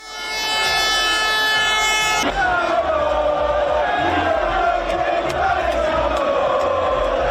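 A loud, dense crowd of about 400,000 Inter fans roars continuously at night in the streets of Milan, celebrating the league title and Coppa Italia as the players' bus parades, with a sustained horn blaring at the start and shrill tones cutting through the din.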